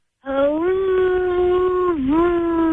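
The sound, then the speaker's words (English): A voice imitates wind howling outside a window on a rainy June morning, a sustained, wavering hoo sound that holds steady for over two seconds, briefly dips in pitch, then rises again, loud with no other sounds. “Okay, it was a rainy morning in June, and even though it was summer, the wind was howling outside the window.”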